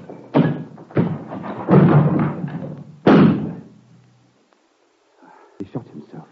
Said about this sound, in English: Smash this door out of here and get away!